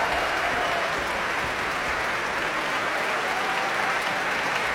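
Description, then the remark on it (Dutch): Steady, dense applause from a large audience for the orchestra's musicians, including the clarinetists, fills the whole stretch, loud and even with no pauses, a continuous wash of clapping hands. “Een applaus ook voor de klarinetisten”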